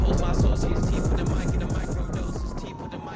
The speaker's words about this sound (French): Avec un début de morceau qui passe pas très très bien, parce que les 10-15 premières secondes sont des bruits de voiture ou de frein dans le désert.